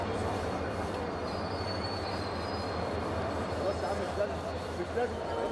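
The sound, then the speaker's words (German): Busy train station ambience at Ramses Station, the main railway station of Cairo, Egypt, as a train arrives: a steady, dense rumble of rail traffic with a thin high wheel squeal, and faint murmuring voices blended into the constant background. “Unser Zug erreicht nun den Ramses-Bahnhof, den Hauptbahnhof von Kairo, benannt nach Pharao Ramses II. Hier ist das Herz der ägyptischen Staatsbahnen mit ihren 70.000 Mitarbeitern.”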